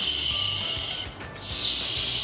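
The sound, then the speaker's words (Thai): A person makes a steady, airy 'sh' hiss by pushing breath through clenched teeth, demonstrating how the 'sh' sound is pronounced as opposed to 'ch', held in two long stretches with a brief dip between them, fairly loud with no other talking. “ทีนี้มันต่างกันยังไงล่ะ sh กับ ch นะคะ sh เราวางฟันอย่างนี้ปกติธรรมดานะคะเหมือนเรากัดฟันไว้แล้วก็ปล่อยลมออกมาตามร่องฟันของเราอะนึกง่ายๆแบบนี้ค่ะ”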